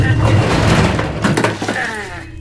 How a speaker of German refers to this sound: Ah, die verdammte Tür klemmt! Ah.